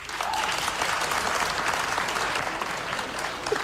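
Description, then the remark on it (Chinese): Steady audience applause at a crosstalk (xiangsheng) comedy performance fills the whole stretch, a dense, even wash of many hands clapping at once with no pauses, loud and sustained from start to finish. “反正现在啊，给我鼓掌的朋友保证您回家24小时之内发财100万。”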